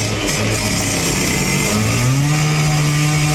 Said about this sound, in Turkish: Demir itfaiyenin yardımıyla kesildi.